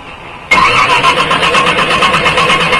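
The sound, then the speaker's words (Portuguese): A car engine cranks loudly with a steady, rhythmic churning that kicks in after a brief quiet moment and keeps grinding without catching. “Pega.”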